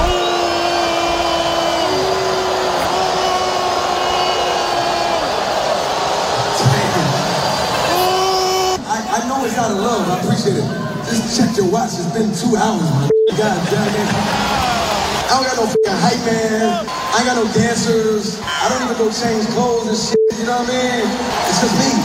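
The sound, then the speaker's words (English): A large concert crowd in Brooklyn lets out a loud, sustained booing drone for several seconds after the performer says he has two songs left, then an amplified voice talks over the ongoing crowd noise. “you see what happened while he was in Brooklyn? He got booed”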